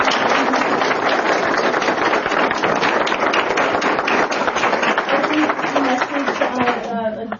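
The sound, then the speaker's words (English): An audience applauds a speaker after her speech in a steady, dense wash of many hands clapping for about seven seconds, with a voice faintly audible underneath toward the end. “If we could all give her a round of applause.”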